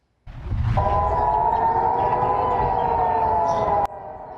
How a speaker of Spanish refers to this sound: Las sirenas volvieron a sonar en Jerusalén este lunes por la mañana. El ejército alertó a la población sobre misiles lanzados hacia territorio israelí.